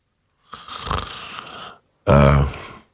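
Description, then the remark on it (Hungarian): A heavy, rasping snore-like breath drawn in, followed after a short pause by a louder, rumbling exhale with a low throaty flutter. “Ez a levegővétel már ilyen horkolásszerű volt.”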